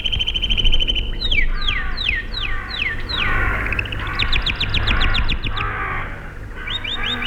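Several birds chirp and squeal in rapid, overlapping bursts, their sharp descending calls crowding together like a noisy squabble over a steady low background hum.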